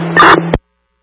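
A brief, loud burst of crackling radio static over a low electronic hum lasts about half a second, then cuts off abruptly into silence.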